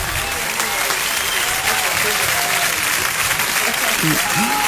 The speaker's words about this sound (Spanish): fuertes aplausos y que viva Arequipa. Que viva.